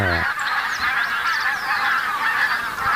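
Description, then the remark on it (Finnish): A dense chorus from a flock of over a thousand barnacle geese and tundra bean geese calling together, overlapping honks and yelps, steady and loud throughout with no talking. “Siinä on valkoposkihanhiä ja tunrahanhiä.”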